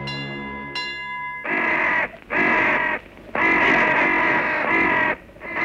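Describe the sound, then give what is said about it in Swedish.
A steady, dull tonal signal sounds briefly, then crows give four loud, harsh, drawn-out caws in a row, each separated by a short pause, clear with no talking. “I övrigt består det mest av dova signaler, motorljud och kraxandet från kråkor.”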